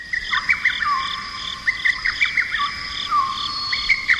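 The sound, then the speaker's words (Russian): A migrating flock of swans flying south in September calls from far off over a taiga lake early in the morning, faint trumpeting notes rising and overlapping in irregular clusters over a steady, thin high-pitched drone, with no voices. “Как-то рано утром до таежного озера донеслись еле уловимые звуки серебряных труб.”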